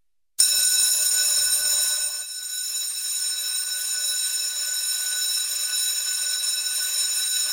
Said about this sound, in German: Wenn die Glocken im August also wieder durch die Nidwalder Schulzimmer dröhnt, heisst es für die Schüler wieder Handy weg.